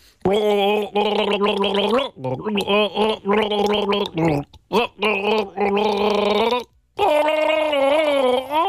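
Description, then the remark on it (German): A voice gargles the tune of a one-hit-wonder pop song for listeners to guess, holding loud, wobbly pitched notes in a bubbling throat sound, with short breaks between phrases as the melody rises and falls. “Ich google Ihnen ein One-Hit-Wonder vor und Sie versuchen mal rauszufinden, um welchen Hit es sich dabei handelt.”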